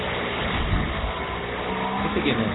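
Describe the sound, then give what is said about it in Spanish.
Racing car engines, including Franco Colapinto's, roar as a race gets under way, in a continuous, loud, dense drone, with a rising whine climbing in pitch toward the end of the short burst. “Se empieza el rugir de los motores.”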